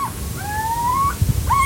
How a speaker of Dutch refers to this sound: Het is het kort alarmroepje wat je nu hoort.